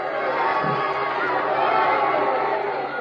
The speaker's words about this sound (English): The marvel faints with a left and throws a savage right to Ambrose's chin. And Ambrose staggers back on his heels. The crowd goes wild.